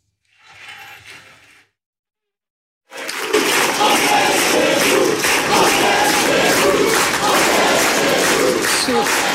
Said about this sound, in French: On est chez nous, crié par la foule face à vous. J'ai quand même dû le réécouter plusieurs fois parce que c'est un cri que l'on entend habituellement dans les meetings du Front National ou aujourd'hui du Rassemblement National.